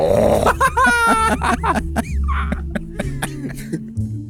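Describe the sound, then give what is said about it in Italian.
A person imitates a bear, making loud, rough growls and grunts in a series of uneven bursts that rise and fall in pitch, with no words spoken. “Fai l'orso.”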